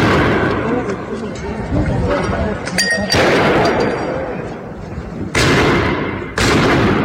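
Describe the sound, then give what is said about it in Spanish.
Several sharp, loud blasts ring out amid a noisy crowd at a street protest as demonstrators throw firecrackers and dynamite at police, the bangs spaced irregularly over a constant background roar of people shouting. “Durante la protesta, algunos manifestantes lanzaron piedras, petardos y dinamitas contra los uniformados, mientras que las fuerzas del orden respondieron con el uso de agentes químicos para dispersar a la multitud.”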